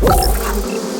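A dense, steady buzzing drone like a swarm of thousands of bees, loud, holding a continuous hum for about a second with a rough, rumbling onset and no voices.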